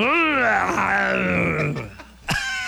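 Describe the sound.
A loud, drawn-out shouted war cry from a single voice on a Tropicana radio morning show, in a contest over whose war cry is scarier, rising sharply in pitch and then sliding slowly downward for nearly two seconds, followed by a brief sharp burst.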